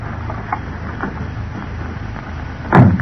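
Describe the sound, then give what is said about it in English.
A car door shuts with a solid thud near the end as people get into a car parked at the curb outside an apartment building, at about 11 o'clock, after a few faint clicks and rustles, all over a low, steady engine rumble. “It was about 11 o'clock when Britt and Cato walked out the front entrance of the apartment building and entered Britt's car at the curb.”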